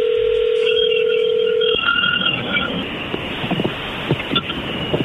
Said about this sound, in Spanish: Muy bien, es más, le va a llamar el lobo, no haga ruido, ahí se está marcando.